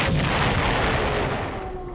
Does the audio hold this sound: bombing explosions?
yes